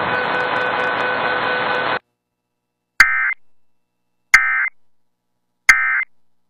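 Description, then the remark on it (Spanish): Radio emergency alert system test tones: a harsh, steady electronic tone holds for two seconds, cuts off, then three short buzzy data bursts follow at even intervals, loud and with no voices. “De haber sido esto una emergencia real, información oficial hubiese sido difundida luego de los tonos de alerta.”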